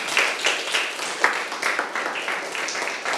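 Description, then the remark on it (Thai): A group of schoolchildren in a classroom clapping together for a classmate who answered the teacher's question, a dense, uneven patter of many hands with sharp bright slaps, steady in loudness and with no talking over it. “แปรงสีฟันเยี่ยมมากค่ะปรบมือให้เพื่อนค่ะ”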